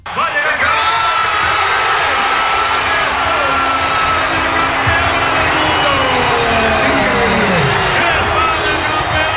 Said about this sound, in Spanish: Con miles de personas, con un dispositivo especial de seguridad, vibrando todos y cantando con la victoria de España hasta altas, altísimas horas de la madrugada.